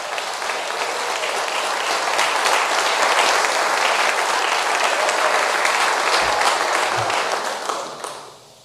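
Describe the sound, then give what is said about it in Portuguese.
An audience breaks into sustained applause for Jesus, a dense crackle of many hands clapping at once that holds steady for several seconds before fading out. “Vamos dizer graças a Deus por esses parágrafos. Palmas para Jesus.”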